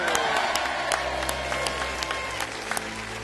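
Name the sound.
audience ovation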